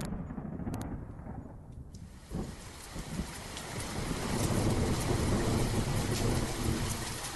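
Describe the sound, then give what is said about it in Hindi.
A torrential monsoon downpour on the first day of Ashadh roars steadily, a dense hiss of heavy rain that swells louder after the first few seconds, with a deep rumble underneath at the start. No voices. “नाटक की शुरुआत ही आषाढ़ का पहला दिन और मूसलाधार वर्षा के साथ होती है।”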